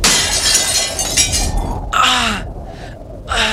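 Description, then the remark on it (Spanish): A loud crash of glass shattering as storm wind slams a just-opened wooden shutter into a window in the attic of an old house, followed by bursts of tinkling, scattering shards and a sharp gasp or cry from the person standing at the window. “el viento azotó la contraventana que acababan de abrir, lanzándola contra los cristales de la ventana donde Luis estaba de pie”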